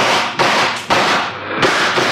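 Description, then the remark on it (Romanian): A volley of gunshots fired at elephants to drive them away: about four loud, sharp cracks in quick, uneven succession, each bursting into a dense, noisy roar that barely fades before the next. No voices are heard. “Vom încerca să-i alungăm trăgând asupra lor.”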